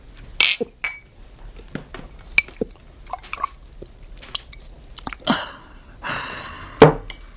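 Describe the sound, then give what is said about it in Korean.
Drinking cups clink together in a toast, a few bright, sharp chinks scattered irregularly among softer wet taps and rustles, with no one speaking. “만약 내가 평양성에 입성한 후 60일이 지나도 컴백하지 않는다면 오늘의 이 잔이 공과의 마지막 잔이군요.”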